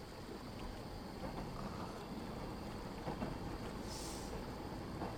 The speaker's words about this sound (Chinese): 这个时间不该有火车了呀。